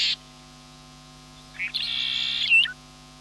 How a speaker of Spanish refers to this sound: Porque cuando el viento baja su intensidad, aparece otro paisaje sonoro, el sonido de las aves, el movimiento de los animales y en determinados sectores, el agua.